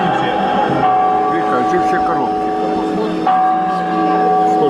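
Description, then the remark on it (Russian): Church bells ring loudly, their overlapping tones humming and sustaining continuously, with a fresh strike cutting in partway through as the peal carries on. “Звон колоколов, мы просили, чтобы звонили в колокола в тот день.”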